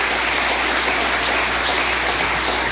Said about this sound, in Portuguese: Palmas bem alegre para o Senhor.